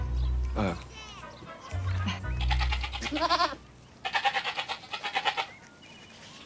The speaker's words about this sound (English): It's a nice day to feed some goats.